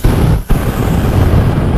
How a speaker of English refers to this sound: Sometimes you need a flamethrower.